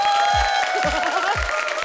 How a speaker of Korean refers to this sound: 이때 박수 치는 거예요.